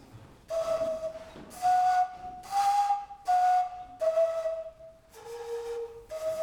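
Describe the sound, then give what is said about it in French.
An African four-hole whistle is blown in a series of short, breathy notes, shifting between a few different pitches made with its four holes, with brief gaps between blasts, fairly loud with no talking. “Un instrument du même, c'est un sifflet africain.”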